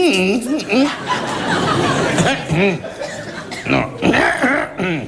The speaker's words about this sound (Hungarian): Kedves öreg ember, minden nap itt van. Igen, csak nem szokott így köhögni.